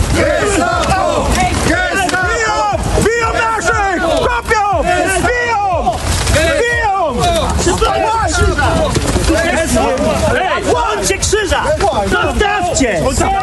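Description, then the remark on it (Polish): A loud, dense crowd shouts and yells over one another in a chaotic scuffle with police at a temporary memorial to Polish victims of World War II in central Berlin, voices overlapping continuously with no pause for the whole stretch. “Interweniowała policja, doszło do starcia.”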